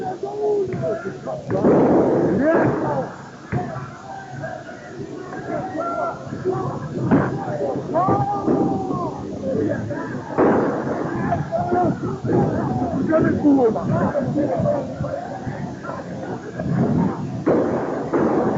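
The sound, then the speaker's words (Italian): Sharp gunshots from firearms crack repeatedly and irregularly through a loud, chaotic, panicked crowd, with shouting and agitated voices filling the background throughout. “Hanno sparato. Ecco che sparano. Sentite il panico.”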